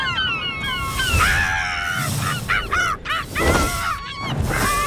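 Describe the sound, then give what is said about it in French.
Loud gull cries repeat in a rapid, overlapping series of harsh, wailing calls, with a steady rush of outdoor background noise underneath and no talking. “On peut entendre le goéland pleurer tout au long de la journée.”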